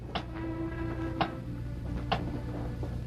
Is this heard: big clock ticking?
yes